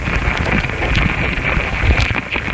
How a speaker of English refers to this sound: Sound engineer Stephen Frost laid the mics next to their nest. The ants are investigating these foreign objects. Some are even biting them. That's what these louder popping noises are. Ant mandibles chewing on a microphone.